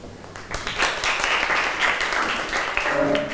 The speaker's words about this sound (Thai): ขอเชิญตัวแทนได้เลยปรบมือให้เพื่อนหน่อยค่ะ